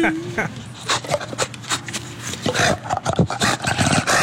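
An animal named Smooch lets out harsh, raspy roars in a run of repeated bursts, loud, with a screeching, growling edge much like a velociraptor's call, the kind of sound used in Jurassic Park.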